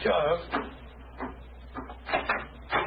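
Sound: door being opened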